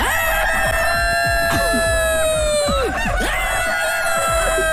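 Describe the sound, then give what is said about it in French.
A rooster crows loudly, one long drawn-out cock-a-doodle-doo that holds steady before dropping off, followed by shorter squawks against a busy, noisy background. “Si le coq pouvait parler, qu'est-ce qu'il dirait?”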